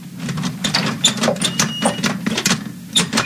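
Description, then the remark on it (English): A door being opened, heard as a rapid series of rattling, clicking bursts over a steady low mechanical hum, with no voices. “I'm opening the door.”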